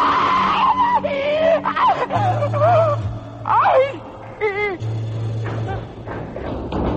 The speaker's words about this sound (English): Thank God, when we heard you scream, we didn't know what to think.